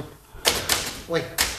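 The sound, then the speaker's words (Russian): A few sharp, irregular typewriter key strikes clack out, with a brief voice murmuring between them. “Это пишущая машинка.”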